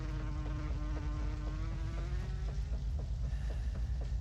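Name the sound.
fly buzzing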